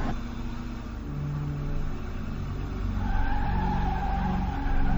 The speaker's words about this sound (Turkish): İşte bak, ineceği yere geldi. Şimdi minibüs duracak ve içinden inecek.